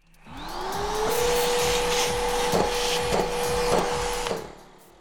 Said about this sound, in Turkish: Bu sesi duydunuz mu? Bu süpürge 15 saniyede bir kendi filtresini temizliyor.